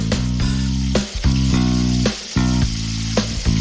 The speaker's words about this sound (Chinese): 包好的鸡子果放入油锅煎一下，等到底部定型后，就要轮到鸡蛋出场了。